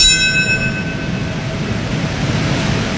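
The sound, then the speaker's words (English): A single memorial bell is struck once at a U.S. ceremony marking 25 years since the 9/11 attacks, its bright ringing tone hanging in the air and slowly fading over a low background rumble. No one speaks. “At ceremonies across the U.S., a bell rang, marking the moments when the planes crashed into the World Trade Center, Pentagon, and a field in Pennsylvania.”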